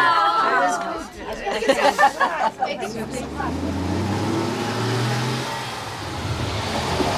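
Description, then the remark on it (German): A bus pulls away, its engine rumbling and rising in pitch as it accelerates, following a few seconds of people chattering. “Steigen Sie schnell ein, damit der Bus nicht ohne Sie losfährt.”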